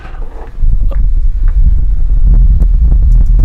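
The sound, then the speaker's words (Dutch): A small mini electric fan, switched on for a bit of cooling in a hot shed, blows right against the microphone, producing a loud, steady low rumble and buffeting that swells after a moment and then holds constant, with no talking. “Het is geen storm of iets anders, maar dat is gewoon zo'n mini-ventilator die ik aan heb gezet.”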